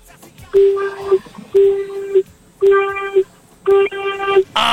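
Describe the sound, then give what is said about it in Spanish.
Four evenly spaced medium-length car horn honks, given on request by a phone-in caller who is a ride-hailing driver, each a steady, buzzy mid-pitched blare lasting about half a second, loud and slightly tinny, followed by a brief burst of noise at the end. “Si estás, por favor, regálame 4 bocinazos medianitos.”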